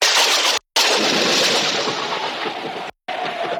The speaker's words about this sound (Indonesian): Tiba-tiba alam berubah. Petir menyambar dan hujan pun turun dengan derasnya.